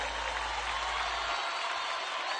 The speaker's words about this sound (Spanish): Más fuerte el aplauso